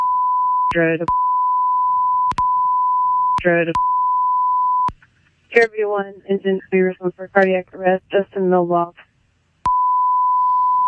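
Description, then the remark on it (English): A long, steady high-pitched bleep tone censoring a released 911 emergency call recording runs continuously, broken only by short bursts of radio-like voices, then drops out for a stretch of talking before the same bleep returns. “I do not know what the we're beeping out here.”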